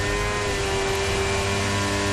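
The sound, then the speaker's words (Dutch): Franco Colapinto's stalled Formula 1 car, its engine still running as he tries to turn it, runs at a steady, loud idle, a dense droning hum with a constant whine and no clear rise in pitch. No one speaks. “Auto loopt nog. Hij probeert hem te draaien, denk ik.”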